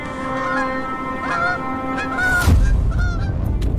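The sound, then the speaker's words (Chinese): Bar-headed geese, a pair with their goslings climbing step by step through snow while snow keeps falling, honk in a run of nasal, strongly harmonic calls, with a sharp noisy burst midway and a low rumbling wash beneath the later calls. “为了找到最安全的起跳地点，斑头雁夫妇得带着宝宝们一步一步在雪中攀岩。”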